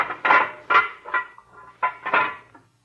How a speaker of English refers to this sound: Now, we go through this little steel door.